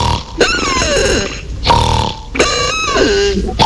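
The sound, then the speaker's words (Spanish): Loud recorded snoring, the second of several sample snores played for comparison, with a harsh, rattling rasp, heard as a few long rough breaths in quick succession with brief breaks between them and no talking. “Ronquido número dos.”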